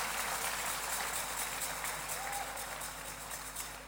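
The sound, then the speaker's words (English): An audience gives a clap offering during a church sermon, a steady wash of clapping, moderately loud and sustained throughout without pause. “Come on, give them a good clap offering.”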